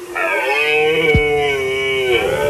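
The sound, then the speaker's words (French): A red deer stag belling during the rut in the forests of Dordogne, France: one long, loud, drawn-out moaning bellow held at a steady pitch for a couple of seconds, with no voices. “C'est la saison des amours pour le cerf qui brame depuis deux semaines.”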